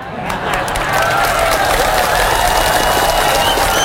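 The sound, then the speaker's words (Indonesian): An audience breaks into sustained applause, a dense wash of many hands clapping that swells after the first second and stays steady and loud, with faint crowd voices mixed in. “Banyak yang tepuk tangan, tak jadi lah.”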